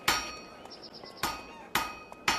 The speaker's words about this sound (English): Pythagoras was walking past a smithy's workshop, listening to the sound of the blacksmith's hammers on the anvil